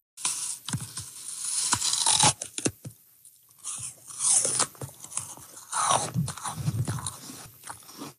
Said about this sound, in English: That is the distinct sound of someone biting into a crispy, crunchy apple, something that can take apple breeders decades to perfect.